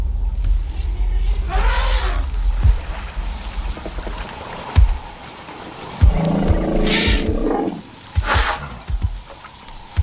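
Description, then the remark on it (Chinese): Lions of the large, starving Delta pride, including Moremi, roar in the Okavango Delta in deep, rasping bursts over a steady low rumble, with a long, throaty growl near the end and no talking. “往西大约2250千米，在奥卡万戈三角洲，莫瑞米和庞大的三角洲狮群正在挨饿。”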